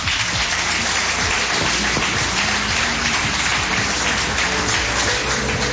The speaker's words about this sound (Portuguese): Palmas que louvam o nome do Senhor.